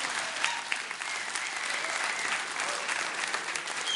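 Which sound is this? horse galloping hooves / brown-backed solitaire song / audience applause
audience applause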